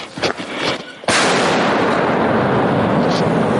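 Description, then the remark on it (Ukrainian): An artillery gun fires with a sudden, deafening blast, preceded by a few softer thuds, then a harsh, sustained roar that stays loud to the end. The gun fires three times at Russian troops and scores a hit. “Гармата стріляє тричі, влучання є.”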